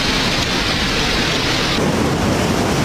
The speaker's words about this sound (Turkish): Aniden başlayan yağmur İstanbul'da yine aynı manzaralara sahne oldu. Yollar göle döndü, caddeler su altında kaldı. Barbaros Caddesi her sağanak yağışta bu şekilde.